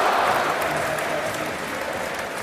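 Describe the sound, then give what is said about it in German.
Sustained, dense applause from a large stadium crowd at a Nürnberg football match, a standing ovation as Juffmann and Kobe are substituted off, a steady wash of clapping that stays loud and even throughout with no individual voices standing out. “Nürnberg wechselt auch und es gibt stehenden Applaus, Standing Ovations für Juffmann und Kobe.”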